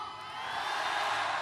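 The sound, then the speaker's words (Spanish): A crowd shouts and cheers in a steady, dense roar that swells slightly over a second and a half. It is a live concert audience shouting and applauding on request before a song. “Toda mi gente grita y aplaudice, ¿no?”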